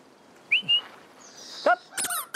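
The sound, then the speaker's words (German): A little owl gives a few short, high whistled calls, one sliding downward, followed by a quick burst of harsher, squeaky notes, all fairly loud against a quiet background with no talking. “Obwohl, beim Training war der Steinkauz mit dem Quietschen langfristig aus der Reserve zu locken.”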